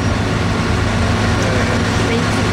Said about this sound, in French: Alors le camion démarre, attendez, on va peut-être le laisser démarrer.